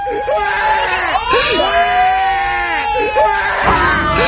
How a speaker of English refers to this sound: adding that crying Sixers fan to the Marvin Freeman mix.